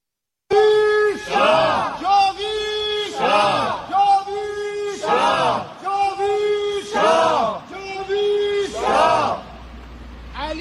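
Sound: protest crowd chanting slogans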